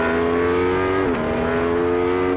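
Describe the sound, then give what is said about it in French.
An Aprilia motorcycle's V4 engine roars at high revs on a race circuit that has just dried, in a loud, steady, buzzing drone, with a brief pitch dip midway like a quick gear shift, then holds again. No one speaks. “Parce que oui, cet Aprilia, sa particularité c'est son moteur V4.”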